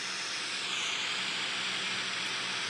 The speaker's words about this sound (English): This is white noise. 10 hours of static on Spotify. Close. This is white noise. 10 hours of white noise.